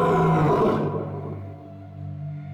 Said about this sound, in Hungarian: A hálóba akadt oroszlán akkorát ordított, hogy az 7-7 határon túl is hallatszott.